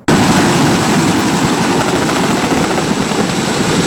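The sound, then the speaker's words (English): A Royal Canadian Air Force Chinook helicopter from CFB Petawawa roars loudly and steadily during a combat training exercise in Quebec's Pontiac region, its heavy rotor thump forming a dense, continuous pulsing drone with no voices. “Infantry and pilots at CFB Petawawa, which is home to the Royal Canadian Air Force's Chinook helicopters, recently took part in a training scenario in our region.”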